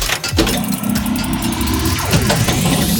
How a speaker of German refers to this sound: Bei dir rumpelt's aber auch ordentlich. Ja, ich bin gerade im Auto mit meinen Kindern.